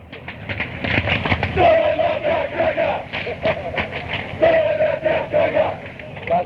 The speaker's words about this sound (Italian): Questi sono sempre i brasati, che fanno sti coretti.